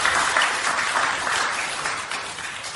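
An audience applauds steadily, a dense wash of many hands clapping at once, fairly loud and sustained without pause for the whole stretch, with no one speaking over it.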